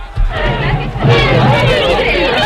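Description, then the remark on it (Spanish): A lively studio audience on the set of Canal Bahía Televisión chatters excitedly all at once, a dense, loud hubbub of overlapping voices with no single speaker standing out. “Bueno, querido público de Canal Bahía Televisión, que nos veis desde vuestras casas o los que estáis aquí en el plató. Un momento de calma, por favor.”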